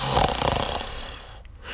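A loud, rough snore rattles, one long raspy breath fading out before a brief pause and the start of the next.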